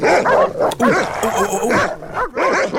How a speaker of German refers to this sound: Du hast nicht so krasse Hunde, die so bellen, ja? Deine Hunde bellen sanft.